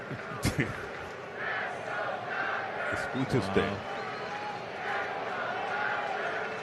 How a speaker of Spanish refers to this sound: Y aquí se escucha Let's Go Dodgers.